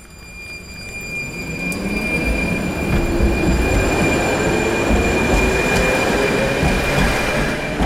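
A tram rolls past at the turning loop of tram line 3 in Lidové sady, Liberec, its wheels grinding with sustained high-pitched squeals over a heavy low rumble that swells and holds steady throughout.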